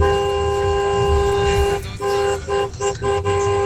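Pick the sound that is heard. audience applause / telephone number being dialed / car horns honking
car horns honking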